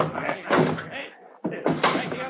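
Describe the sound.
A door is forced in by a group of men trying to reach a man hiding inside, with a series of loud, heavy thuds and a crashing slam, several sharp impacts spread over about two seconds, with voices mixed into the commotion.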